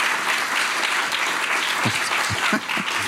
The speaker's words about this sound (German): Das ist Ihr Applaus.